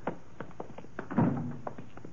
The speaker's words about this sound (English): Footsteps sound kind of loud this time of night.